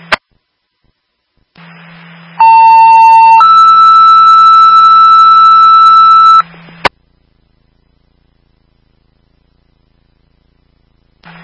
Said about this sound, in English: Stand by for tone.